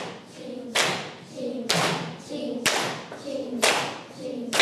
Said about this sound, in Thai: ถูกต้องเราจะปรบมือตรงคำว่าฉับไหนลองทดสอบปรบมือตรงคำว่าฉับนะคะพร้อม3 4ชิงฉับชิงฉับชิง